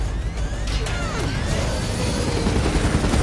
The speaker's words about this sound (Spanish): Las balas golpean el helicóptero y se enciende una luz roja en el tablero.